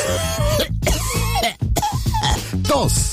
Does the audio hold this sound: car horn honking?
no